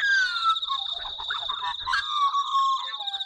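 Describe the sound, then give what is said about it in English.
Australian magpie, a large black-and-white bird, singing its fluting song at sunrise: rich, warbling notes that slide and loop in mid pitch, layered over a steady high whine and the chatter of other birds in a dawn chorus. “That beautiful fluting sound is the Australian magpie, large bird, black and white, not quite as big as a crow.”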